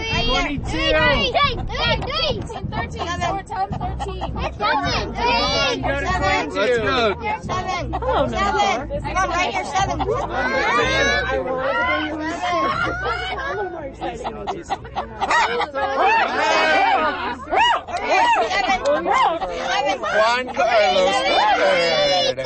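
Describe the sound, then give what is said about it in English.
A crowd at a chicken bingo event at the Aspen Historical Society in Aspen, with overlapping chatter and babble from many voices filling the whole stretch at a steady, fairly loud level, occasional brighter voices rising above the hubbub. “The sounds of chicken bingo at the Aspen Historical Society”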